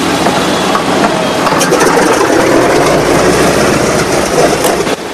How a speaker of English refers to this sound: Inside the cockpit, buttons and switches are pressed and flicked. The plane's engines roar into life. The other B-17s are fired up on the tarmac, their propellers whirring, sending out clouds of grey smoke.